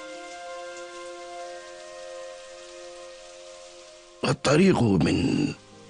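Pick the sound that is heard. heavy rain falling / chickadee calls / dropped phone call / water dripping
heavy rain falling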